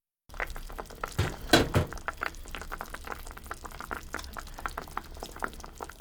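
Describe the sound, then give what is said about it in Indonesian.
A pot of chicken broth, with the chicken cooked for about 20 minutes, bubbles steadily at a simmer, with dense irregular pops and gurgles, fairly loud, plus a brief clatter near the start. “Daging ayam telah dimasak selama sekitar 20 menit.”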